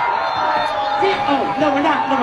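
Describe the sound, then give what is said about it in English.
A large crowd at a First Responders event on Staten Island boos Zohran Mamdani off stage, loudly and continuously, a dense wall of overlapping jeering voices with drawn-out, wavering cries rising above the din throughout. “That is Zohran Mamdani getting booed off stage at an event at Staten Island's First Responders event, and I love it.”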